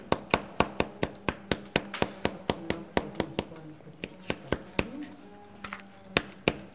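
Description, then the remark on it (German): Rapid, steady hammer blows on metal as a pattern is tapped into it, each strike sharp and bright with a ringing edge, repeating about three to four times a second throughout, with faint voices murmuring underneath. “Sie haben jetzt das Metall einfach beklopft, oder?”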